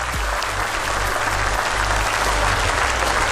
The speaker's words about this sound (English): And we do have a winner tonight on the Connect 4, and a round of applause goes to Carol.